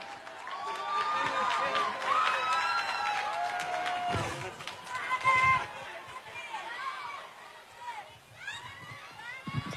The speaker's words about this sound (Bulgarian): Тук е кмета на Варна. Господин Котев, посрещнете го с аплодисменти.